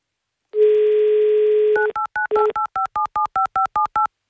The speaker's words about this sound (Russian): Так, номер набран.